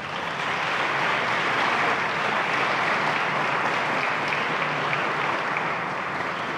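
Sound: audience applauding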